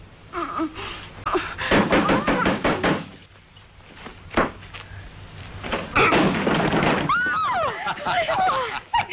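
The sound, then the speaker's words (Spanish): Heavy, irregular banging on a locked door, several loud thumps in quick bursts, forceful, with voices calling out between and after the blows, demanding that it be opened. “¿Queréis abrir, sí o no? La puerta está cerrada, no tenemos la llave.”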